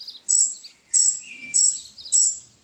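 A baby robin chick chirps in a nest in a tree by the fence of a neighbouring garden: four thin, high-pitched peeps repeat at a steady, even pace, clear with no other sounds.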